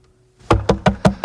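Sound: knocking on a door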